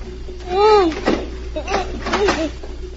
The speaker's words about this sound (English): Then she heard someone trying the lock on the door.